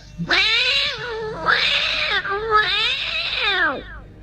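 A cat meows loudly three times in a row, long drawn-out yowling calls, each rising and falling with a strained, wailing tone.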